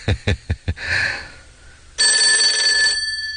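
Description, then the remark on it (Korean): A telephone bell rings: four quick sharp strikes, then a brief pause, and a second, sustained metallic ring that buzzes steadily for about a second. Fairly loud, with no voices. It is a call from the operations room. “각자후에서 전화벨이 울렸다.”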